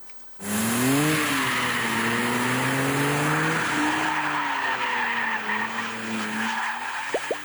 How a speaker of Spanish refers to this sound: Pues esta fue la prueba de manejo desde Tale of the Dragon con el Dodge Charger, el cual ya se encuentra en nuestro país. Nosotros tuvimos oportunidad de manejarlo antes que nadie, justamente en esta emblemática cola de dragón.